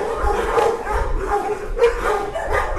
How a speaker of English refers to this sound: Inside Mecklenburg County's publicly run animal shelter, rows of kennels line both sides of a long, gray concrete hallway. Every kennel is full. And when I enter, I'm hit with a barrage of excited barks.